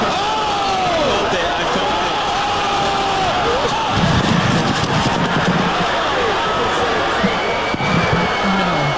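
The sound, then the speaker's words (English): A boxing crowd at the celebrity boxing event put on by streamer Aiden Ross roars and cheers without pause during the Ray J versus Super Hot Fire fight, a dense, loud wall of voices with individual shouts and whoops rising and falling, plus a few heavier low bursts around the middle. “This is kind of what it sounded like in the ring.”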